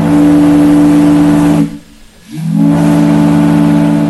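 A loud steam-powered fog whistle, the first fog signal at Point Wilson, installed in 1879 and sounded during heavy fog, blows a steady, low, rich tone, cuts out for about half a second, then returns with a short upward swoop in pitch before holding steady again.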